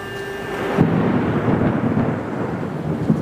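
A deep, sustained rumble of thunder as a rainstorm approaches rolls on for several seconds, low and heavy, swelling after a brief softer opening with a faint hiss of rain underneath. No one speaks.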